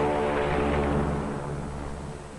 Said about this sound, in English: On the water, the great PBM makes her takeoff run. Her jet assist bottles blast. She lifts quickly into the air and circles the Currituck once.